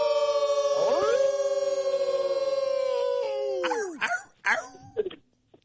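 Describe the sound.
A person in Virginia howls like a wolf, a long loud sustained cry that rises at the start and holds steady, then trails off into a few short, yelping barks.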